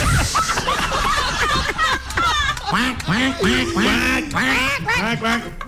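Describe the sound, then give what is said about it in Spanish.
A rapid series of loud, nasal duck quacks, the calls tumbling over one another in quick bursts with brief pauses, mixed with voices. “¡Pato!”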